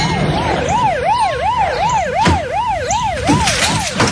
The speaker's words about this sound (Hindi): अरे एम्बुलेंस आ गए।